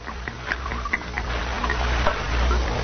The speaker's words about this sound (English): Here's the jug, Mr. Hantry, and I brought you a cup, too. Pour me some.